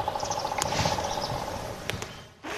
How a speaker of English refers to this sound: And we are walking and we heard what we think could have been the red cockaded woodpecker. So let's just stop for a second and see if we can hear it again.